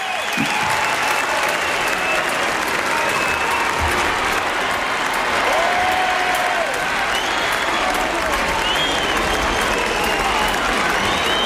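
A large crowd acclaiming Pope Leo XIV on a balcony at Montserrat after his blessing applauds and cheers in a steady, dense roar, with a few thin whistles gliding above it now and then, faint and intermittent.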